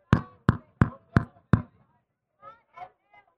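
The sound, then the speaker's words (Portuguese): Five firm, evenly spaced knocks on a door sound in quick succession, each sharp and loud, followed by a few brief, faint voice-like sounds after a short pause. “Educadamente, ele chega na porta do coração humano e ele bate.”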